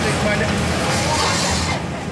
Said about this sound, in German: Es riecht ein bisschen, als wäre im Lagerfeuer etwas verbrannt, was da nicht hingehört. Und es ist sehr laut durch ein Gebläse.